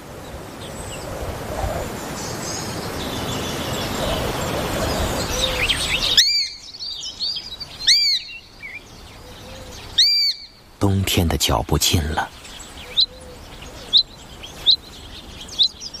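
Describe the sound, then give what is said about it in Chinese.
A young sparrowhawk at the end of summer gives a string of shrill, high-pitched calls in short bursts, coming in after a stretch of low rustling background, while a narrator speaks over the sounds. “这只年轻的雀鹰若要熬过寒冬，每天需要成功捕食”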